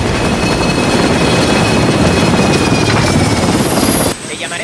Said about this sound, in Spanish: El helicóptero se posa sobre la cubierta.